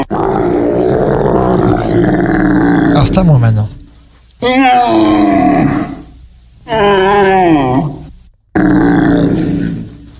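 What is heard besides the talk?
roe deer calling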